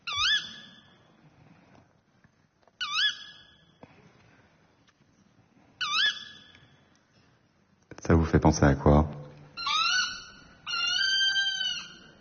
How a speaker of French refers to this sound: Hulotte. Ouais, c'est la hulotte.